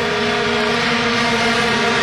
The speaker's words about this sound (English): We're at the game, and the fans are getting all riled up like they usually do at a, they call it football, but a soccer game. And they're blowing the horns. Listen to this. Here are the horns.